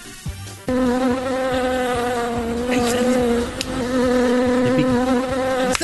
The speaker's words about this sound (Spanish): ¿Qué es eso? ¿Es un dron? No, la abeja. No, parece.